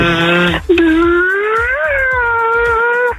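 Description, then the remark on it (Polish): A caller on the phone, on Mosquito Day, imitates a buzzing mosquito with a sustained, nasal whine that slowly rises and falls in pitch for about three seconds, following a brief different hummed tone at the start. “To złota kawa Słonecznej Brygady leci za ten jakże bolesny ostatni koncert komaronaśladowczy.”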